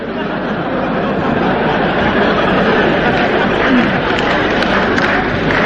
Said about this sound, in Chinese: 好球，刚才庄则栋闪电式的一击结束了比赛，这一局的比分是21-15，庄则栋以3-0淘汰了日本队员高桥浩。这时全场观众再次起立欢呼，